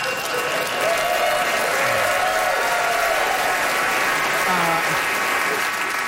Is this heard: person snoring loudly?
no